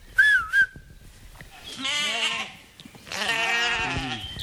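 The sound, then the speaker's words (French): Two quick high whistles, then ewes, grazing to maintain land, bleat twice in long, wavering, nasal cries, each lasting about a second, fairly loud with no talking. “Et puis on voit revenir une pratique ancienne, faire pâturer des brebis pour entretenir les terrains.”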